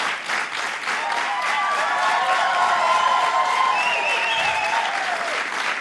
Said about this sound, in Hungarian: Hát ekkora taps cunamira nem is számítottam.